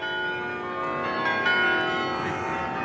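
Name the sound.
carillon bells ringing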